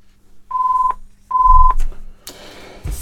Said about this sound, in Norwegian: Da var det en telefon, skal vi høre her, vet du.